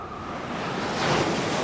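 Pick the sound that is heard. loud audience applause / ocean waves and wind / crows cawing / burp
ocean waves and wind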